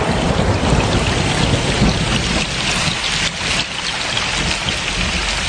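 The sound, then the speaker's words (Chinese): Heavy, steady rain pours down while a deep, loud thunder rumble rolls underneath, swelling slightly midway with no distinct sharp crack. No voices. “快捂住耳朵，马上就要打雷了。”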